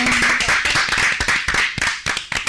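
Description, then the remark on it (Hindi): A group of people clapping together in a dense, steady burst of applause, fairly loud, with sharp overlapping hand claps continuing for a couple of seconds and no talking, applauding a correct answer in a general-knowledge quiz. “बिल्कुल सही जवाब, जोरदार तालियां।”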